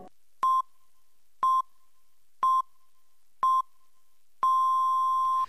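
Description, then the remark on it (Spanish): Cadena SER radio hourly time signal marking 10 p.m. (9 p.m. in the Canary Islands): four short, evenly spaced mid-pitched beeps about a second apart, followed by a longer final beep of the same tone, clear and alone with no talking. “Son las 10 de la noche, las 9 en Canarias.”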